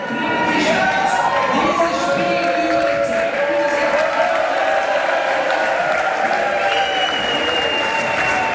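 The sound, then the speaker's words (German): A large crowd cheers and applauds loudly and continuously, with shouts and whistles rising over dense clapping, as football fans celebrate the final whistle of a World Cup match at an early-morning public viewing in Restaurant Zickzack in Altschwil, Baselbiet. “Der Jubel beim Schlusspfiff, der war groß.”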